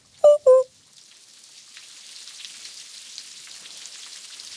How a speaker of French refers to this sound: Il pleut. Il pleut. Il pleut. Il pleut. Impossible de mettre le nez dehors. Le ciel est gris, tellement gris.